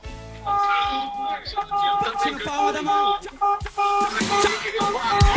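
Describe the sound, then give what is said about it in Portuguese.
A loud, harsh vehicle horn blares in long, buzzy sustained tones that shift pitch several times, broken by short gaps, with some clatter underneath. “Uma buzina horrível, horripilante, mas tudo bem.”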